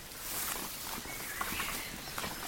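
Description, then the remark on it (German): Slow, soft footsteps of people slowing down as they approach a small house in the middle of a clearing, treading at an unhurried pace over rustling ground, each step a faint crunch against a steady hiss of outdoor background noise, with no voices. “Kurz nach dem Entdecken verlangsamten sie ihre Schritte, um die Örtlichkeit genauer in Augenschein zu nehmen.”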